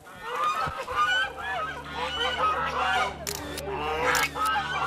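A flock of white geese honks loudly and continuously, many overlapping calls, with a steady low rumble underneath and a few sharp noisy bursts near the end, as the geese are driven out for a rural photography shoot in Dutou Village.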